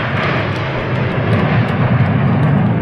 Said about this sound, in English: Okay, that's the sounds of the Blue Angels flying into Billings last night from Oregon.